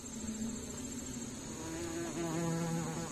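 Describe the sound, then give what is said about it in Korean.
A giant hornet, the largest hornet on Earth and a natural enemy of honeybees, buzzes steadily, a low droning hum whose pitch wavers slightly as it moves, with a faint high background hiss and no voices. “꿀벌의 천적, 장수 말벌입니다. 지구상에서 가장 큰 말벌이기도 하죠.”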